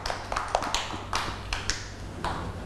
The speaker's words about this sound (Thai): เก่งมากค่ะเด็กๆปรบมือให้